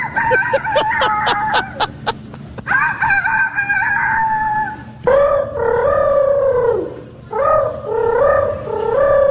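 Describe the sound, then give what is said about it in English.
Human voices imitate a rooster crowing three times in a row, the third-place, second-place and grand champion entries of the youth rooster crowing contest at the Iowa State Fair: rapid clucking bursts lead into the first long crow, followed by two loud, strained, wavering cock-a-doodle-doos. “That is the third place, second place, and grand champion youth rooster crowing contest that happened at the Iowa State Fair this week.”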